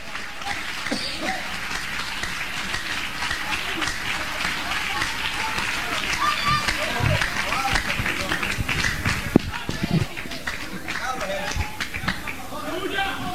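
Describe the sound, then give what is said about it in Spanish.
An audience applauds Christ in a dense, steady wash of clapping that holds for the full stretch, with voices and cheers mixed through the crowd noise and a few sharper claps standing out. “Oh, denle un aplauso al Cristo de la gloria.”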